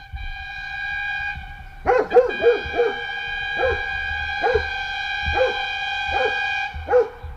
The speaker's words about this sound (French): Alors, au Grand Longron, vous verrez, c'est une estafette blanche. Il est marqué Boulangerie Loiseleur. Et vous le repérez au klaxon, parce qu'il a, pour appeler les clients, une klaxon.